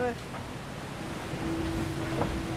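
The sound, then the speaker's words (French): A thin, steady whistle from a hydrofoil boat lifted onto its foils at about 27 knots (50 km/h) rises out of constant rushing water and wind noise, holding one tone through the second half. “Ouais, t'entends le sifflement. Ouais, c'est ça. Ouais. Donc dès que ça siffle comme ça, c'est que ça vole.”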